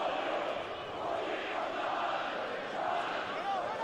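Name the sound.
stadium crowd singing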